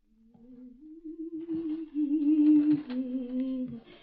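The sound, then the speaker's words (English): A woman hums a low, wavering tune on one sustained breath for about four seconds, with a few soft creaks from rocking underneath. No words are spoken. “I forgot and started humming and rocking again.”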